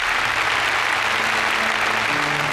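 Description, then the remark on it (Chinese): Sustained applause from a large audience at the Changchun Film Festival congratulating two winners of a film editing award, a dense, steady wash of clapping with faint musical tones running underneath throughout. “好，让我们再次响起掌声，祝贺两位，谢谢你们，请回席落座，祝贺。”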